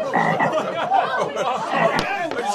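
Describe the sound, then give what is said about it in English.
A frog croaks as an electrode is touched to its leg: a steady, dense run of rapid throaty calls, loud, layered over one another without pause for the whole stretch, with a brief sharp click near the end. “Now I present to you this humble frog.”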